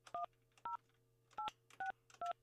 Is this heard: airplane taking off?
no